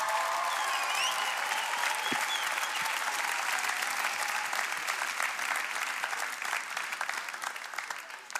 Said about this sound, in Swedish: En varm applåd.